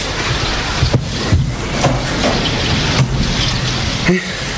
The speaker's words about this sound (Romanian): Și ploaia asta care mă nebunește.